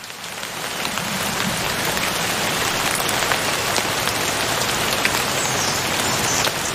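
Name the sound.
rain falling on leaves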